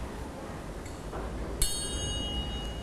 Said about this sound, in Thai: เครื่องให้จังหวะที่ครูหญิงจะใช้ในวันนี้นะคะก็คือระฆังเหล็กสามเหลี่ยมค่ะ